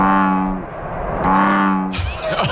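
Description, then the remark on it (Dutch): An invasive frog gives two deep, droning calls, each lasting about half a second with a buzzy, horn-like tone, followed by a brief burst of rustling noise. “Ik onderscheid hem wel duidelijk van onze gebruikelijke kikkers.”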